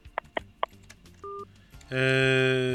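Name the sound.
telephone call hung up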